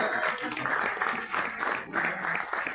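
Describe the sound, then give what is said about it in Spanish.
An audience applauds steadily for about three seconds, a dense crackle of many hands clapping at once, rising and falling slightly in waves without a break. “Fuerte el aplauso. Renovamos el aplauso.”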